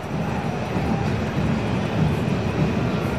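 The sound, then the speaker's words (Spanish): A deep, sustained rumble of thunder rolls on steadily for a few seconds during a football match involving Atlas, heavy in the low end with a faint wash of crowd noise above it and no voices. “Ojito, porque me escuché un rayo. Un trueno, perdón.”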